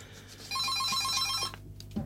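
A telephone on the open phone line of Skånepartiet Malmös närradio rings with a rapid electronic trill for about a second, loud, then cuts off into a brief quiet room tone.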